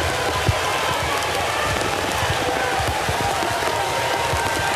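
Heavy rain pours down steadily over a stadium during a Major League Baseball game involving Cleveland, played on in the rain, a dense, even hiss that stays loud and unbroken, with faint low rumbles and murmurs from a crowd mixed underneath.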